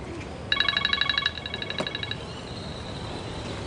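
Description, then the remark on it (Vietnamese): A telephone rings with a quick electronic trill, one short burst of rapid warbling tones that then fades into a softer lingering tone, over a steady low background hum. “bà Rosa đang ở đây, em không nghe điện thoại được”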